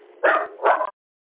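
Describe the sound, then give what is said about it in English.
A dog barks twice in quick succession, two loud, full-throated woofs with a brief gap between them, then silence. No one speaks. “I actually like the way the dog said 7-3 and all.”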